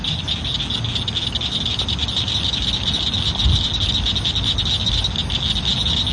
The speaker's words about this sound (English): Let's keep sharing the sounds of summer, like these frogs recorded at Crystal Bridges Museum of American Art.